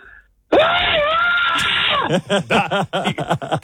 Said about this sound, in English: Proceeds to give us one of the best screams we've had so far.